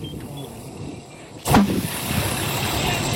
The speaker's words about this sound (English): And then the whole car went up. It was popping. The grass next to it was on fire. Here is audio of a burning tire exploding.